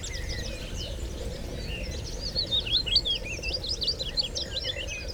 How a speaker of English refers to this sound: So it's scientifically proven that birdsong and the natural sounds of nature in general are very calming for the mind. It's been proven to lower heart rate, lower cortisol levels, for people who are suffering from depression, anxiety.